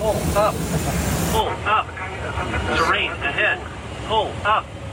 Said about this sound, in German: Manche Störungen sorgen in den Cockpits sogar für Falschalarme wie solche.